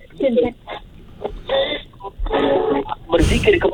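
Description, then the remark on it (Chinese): A radio plays in the background behind a person on a call, its muffled, tinny voices coming in uneven bursts with brief gaps, moderately loud and thin-sounding like a small speaker, causing an echo. “OK， 如果啦哈，就是现在你的你的那个收音机后面，你要帮我关小声一点吗？”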